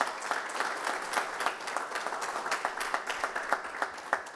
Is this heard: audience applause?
yes